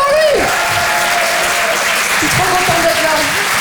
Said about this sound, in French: Applaudissez-le bien fort, les amis.